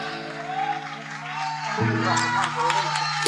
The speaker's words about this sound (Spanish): Muchísimas gracias. Fuerte aplauso para esta banda.